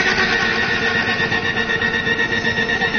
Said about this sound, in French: Je prends une mitraillette et on y va, hein.